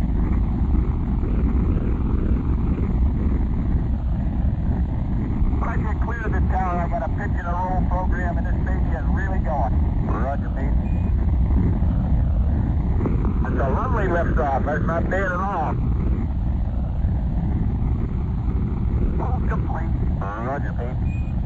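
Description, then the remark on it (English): Rocket engines roar at liftoff at 11:22 a.m. Eastern Standard Time, a deep, steady, rumbling blast that never lets up, while faint radio voices crackle in over the noise now and then. “All engines running, commit, liftoff. We have liftoff, 11:22 a.m.”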